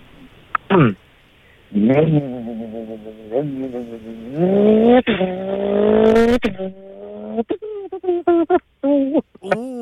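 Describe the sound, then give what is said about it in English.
A man's voice imitates a racing car engine revving, with rising, revving vocal drones that climb in pitch over several seconds, loud, followed by a few short choppy bursts like gear changes. “Can you give us your best rev noise?”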